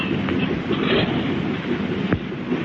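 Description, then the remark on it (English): A seaplane's second engine roars to life and settles into a loud, steady, rumbling drone, with one brief thump near the end and no voices. “There goes the second motor.”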